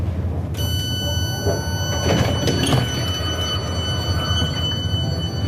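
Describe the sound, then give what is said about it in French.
A steady low rumble of a regional commuter train on line R22 of the RER Jura, joined by a high electric whine, with a couple of brief mechanical swooshes as the doors slide. “Nous vous souhaitons la bienvenue sur la ligne R22 du RER Jura, Vaux-de-la-Cour.”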